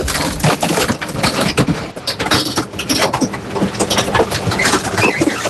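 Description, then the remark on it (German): The bulky-waste compactor press on an ESB garbage truck in Bocholt grinds away in the morning, a loud, dense, continuous crunching broken by sharp cracks and creaks of splintering material, with no voices. “Es ist die Sperrmüllpresse auf dem LKW des ESB in Bocholt”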